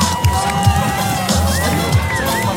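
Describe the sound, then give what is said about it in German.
A crowd cheers and shouts steadily throughout at a skate contest at the 360 action sports event, with skateboarding, scooter, inline, BMX and dirtbike riding, a dense wash of voices with occasional whoops rising above, plus low rumbling thumps underneath. “Besonders schön das starke Miteinander und das tolle Publikum, das für echte Contest-Atmosphäre sorgte.”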